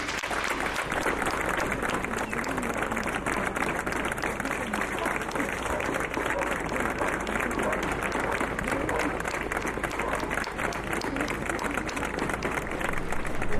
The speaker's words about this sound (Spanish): Propongo enviarle un aplauso